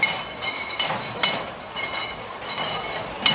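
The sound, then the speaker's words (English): Several sharp clinks of beer mugs knocking together ring out at scattered moments over a steady, noisy crowd din, moderately loud, on the opening day of Oktoberfest in Munich, Germany. “Oktoberfest has kicked off today in Munich, Germany, with many mugs clinking.”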